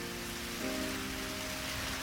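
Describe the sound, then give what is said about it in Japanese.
Steady rain falls with a continuous, even hiss, moderately loud, while soft sustained musical tones hum underneath. No one speaks. “でも雨が上がると虹がかかるように、たくさん泣いたらいいことあるかな。”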